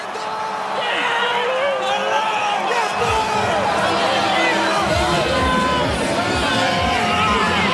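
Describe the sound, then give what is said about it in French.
A stadium crowd shouts and roars in a loud, continuous wall of many overlapping voices, with scattered whoops rising above the din, swelling slightly after the first few seconds, after Switzerland scores its second goal to lead Algeria 2-0. “Et ça crie, ça libère encore la tension, mais la Suisse fait un pas supplémentaire vers ce huitième de finale que j'évoquais.”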